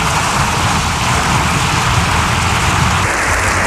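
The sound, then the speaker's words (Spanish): A large crowd keeps up dense, steady applause after a speech, lasting more than seven minutes, a continuous wash of clapping that holds an even loudness throughout with no voices standing out. “La verdad es que el aplauso ha sido espectacular, más de 7 minutos”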